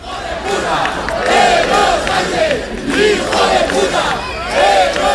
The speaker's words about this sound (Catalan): Avui s'ha produït aquesta desfilada i s'ha produït també una cosa que és sol ser habitual aquestes últimes edicions de la desfilada, i són les escridassades al president del govern espanyol. Escoltem.